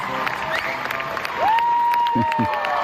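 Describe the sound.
An audience breaks into steady applause, clapping densely and fairly close, with a long piercing whistle rising out of the crowd midway and a few cheering voices mixed in.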